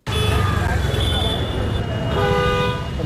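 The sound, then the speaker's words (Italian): Busy street ambience in Dharavi, the large slum of Mumbai, India, with steady traffic rumble and several car horns honking, including a long sustained toot, over a dense mix of murmuring voices and background activity. “Abbiamo un'ultima clip che è stata registrata in una grande baraccopoli, sentiamo.”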